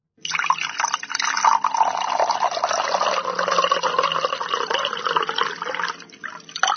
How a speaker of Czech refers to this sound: To bych typla na nalévání vody do skleničky.